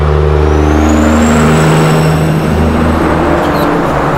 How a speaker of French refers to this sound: Les trains de route. Ou des camions énormes lancés à toute berzingue sur des lignes droites sans vraiment pouvoir s'arrêter. Oubliez tout ce qui est freinage d'urgence. À pleine vitesse, dans les 90 km/h, il leur faut jusqu'à 1 km pour s'immobiliser